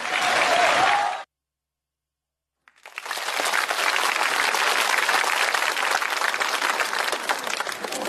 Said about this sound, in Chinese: 想不到还真有人鼓掌。这就算开张大吉了，这是。其实我心里明白，您这掌声是欢送主持人下场。